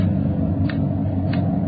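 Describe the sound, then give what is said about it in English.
Two crisp ticks of a loud clock, evenly spaced about two-thirds of a second apart, cut through a steady, heavy low rumble of wind. No one speaks. “Sure a loud clock.”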